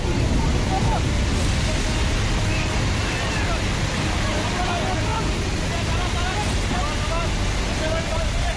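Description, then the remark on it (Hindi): A steady, loud roar of a stream swollen by heavy rain churns without pause during an army rescue operation in Chamba district, Himachal Pradesh, India, heavy in the low end, with faint indistinct voices now and then beneath the torrent. “क्योंकि भारी बारिश के चलते नाले का बहाव लगातार बढ़ रहा था, ऐसे में रेस्क्यू टीम ने जान पर खेलकर लोगों को बचाया।”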